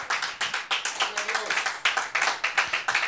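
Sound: audience clapping hands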